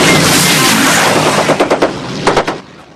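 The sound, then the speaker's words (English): Rapid bursts of machine gun fire from the ball turret of the B-17 bomber Memphis Belle, fired by Rascal, sharp repeated cracks over a constant loud roar of engines, with a cluster of shots near the end before the din eases. “Rascal fires from the ball turret.”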